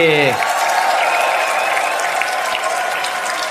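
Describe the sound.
Loud, sustained applause from a large audience, a dense steady wash of clapping that holds at an even level throughout, with a brief voice at the very start.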